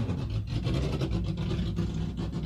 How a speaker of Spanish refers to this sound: Pasa bien cerquita por nosotros el auto 88. Acá lo tenemos.